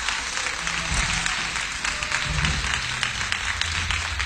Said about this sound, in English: You believe what I'm saying? Give the Lord a hand clap of praise in the house.